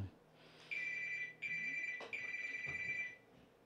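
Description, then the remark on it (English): A telephone rings with a steady electronic trill in three bursts separated by short gaps, clear over a low background hum. “You always get a phone call when you're not expecting it.”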